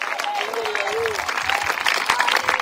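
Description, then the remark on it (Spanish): A church audience gives steady, dense applause as an offering of praise to Jesus Christ after a sermon, a continuous crackle of many hands clapping, with faint voices and a brief tonal cry rising above it. “Y así recibimos esa poderosa palabra con una ofrenda de palmas para nuestro Señor y Salvador Jesucristo.”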